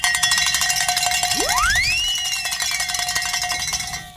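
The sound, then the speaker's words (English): A bell rung to celebrate a phoned-in pledge clangs rapidly and continuously for about four seconds, loud and bright, while a rising, swooping whistle-like tone slides upward partway through. No one speaks. “And I guess someone did, because Tony's running over here and saying ring a bell and celebrate.”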